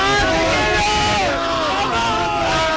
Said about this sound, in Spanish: en Colón, esto es una locura aquí en Madrid. Esto ha sido una locura. Todo el mundo gritando, celebrando, abrazándose entre ellos. Es espectacular el gol que acaba de meter España. Estamos en la final ya.